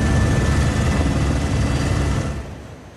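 A loud, steady rumble of aircraft engines and rotor noise from firefighting helicopters and water-bombing planes, 3 helicopters and 2 firefighting aircraft, fighting a fire spread by strong wind, broad and roaring, then fading somewhat toward the end as the machine moves off. No one speaks.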